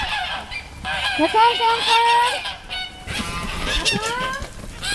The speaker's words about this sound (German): Und man hört es auf dem Wintringer Hof, ist wirklich immer was los. Wir sind bei den Gänsen. Seit einiger Zeit leben rund 50 Gänse auch auf dem Wintringer Hof